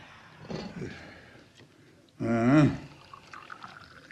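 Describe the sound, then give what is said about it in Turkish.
Freshly brewed tea is poured into tea glasses for an evening tea: a brief, splashing trickle, then a louder gurgling stream whose pitch rises as the glass fills, ending after about half a second. “Ben hemen bardakları bir doldurvereyim.”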